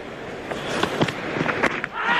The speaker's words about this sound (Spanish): Así suena primero el lanzamiento de la bola. La gente aplaude en la grada.